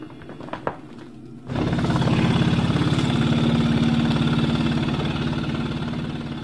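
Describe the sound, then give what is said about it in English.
A couple of soft clicks, then an inflatable airway clearance vest, which is clipped in and fills with air to help clear mucus from the lungs, switches on with a loud, steady, rapid pulsing hum as it vibrates, holding a low buzzing drone for several seconds. “In the 1990s, researchers developed a vest that helps clear mucus out of your lungs. You clip it in, and then it fills up with air and essentially vibrates.”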